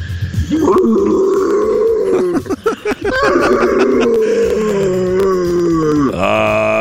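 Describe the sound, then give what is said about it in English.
A person imitates a lion's roar for World Lion Day with one long, loud, growling vocal sustained for several seconds, breaking briefly into rough grunts before ending in a strained, rising roar. “Okay, if you think you can roar a little bit better than that, like a lion,”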